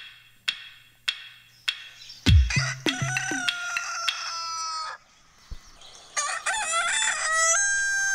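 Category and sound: bird, rooster crowing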